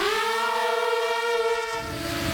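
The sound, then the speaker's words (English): A loud, continuous first-person view (FPV) drone buzz, a battlefield weapon, a high, steady harmonic whine that holds its pitch throughout and wavers slightly toward the end, with no voices. “The first-person view, or FPV drone, is as much a part of the battlefield today as any other weaponry.”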